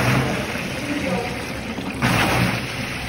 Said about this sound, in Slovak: Slovací trenážer s vodným odporom.